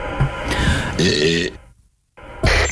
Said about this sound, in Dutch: Dit is de boer van een BN'er.